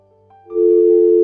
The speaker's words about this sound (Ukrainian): На номер 050 вже хтось пробує подзвонити, ну а я пробую прийняти цей дзвінок. Так, перша спроба не вдала.